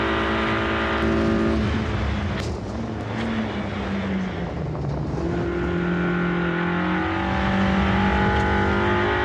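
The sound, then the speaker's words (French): A rally car engine revs hard and loud, its pitch climbing then dropping sharply with quick gear changes through a very fast rally gearbox, broken by a few sharp pops over a constant roar. “la boîte, elle est hyper rapide. Ben, c'est de fou, la boîte. Ouais, c'est des couples de rallye.”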